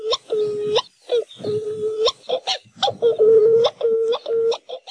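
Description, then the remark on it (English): A Hawaiian petrel (ʻuaʻu) calls again and again, loud: eerie, drawn-out moaning notes broken by short, sharp gasping clicks in an uneven rhythm, with no voices. “Like many Hawaiian birds, Oahu are named after the sound they make. Their haunting calls can be heard at night as they fly mauka to their nests high in the mountains.”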